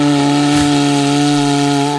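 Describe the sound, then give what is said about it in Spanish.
An engraved cuerno bocinero, a horn made by artisans in the Basque Country, is blown with vibrating lips in one steady, loud note lasting about two seconds, a low buzzy tone with rich overtones that holds its pitch and then cuts off abruptly. No one speaks. “si alguien quiere hacer una demostración de cómo se toca el cuerno bocinero dignamente”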